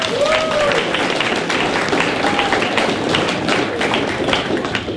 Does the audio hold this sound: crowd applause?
yes